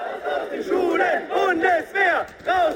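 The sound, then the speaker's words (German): A crowd of young student protesters in Germany chants in unison at a demonstration against possible compulsory military service, their voices rising and falling in a steady rhythm of loud shouted bursts with short pauses between them. “Eine Demo gegen einen möglichen verpflichtenden Wehrdienst.”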